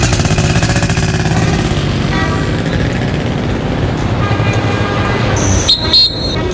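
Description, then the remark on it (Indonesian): A motorcycle engine runs loud with a steady, rumbling drone, briefly joined near the end by a short, high-pitched toot, as a father takes his child to school on the motorcycle. “Ayo Nduk, Bapak antar sekolah. Pakai motor biar cepet.”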